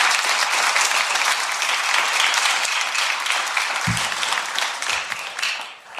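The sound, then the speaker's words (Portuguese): A church audience breaks into sustained applause for Jesus, a dense, steady wash of many hands clapping that holds strong for several seconds before thinning out at the end, with a brief voice or thump midway. “Aleluia, vamos dizer graças a Deus e palmas para Jesus.”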